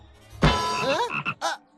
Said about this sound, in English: Green skin, black stripes. Oh, it's the frog.